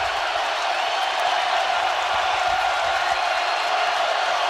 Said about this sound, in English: Listen to this crowd. This is unbelievable.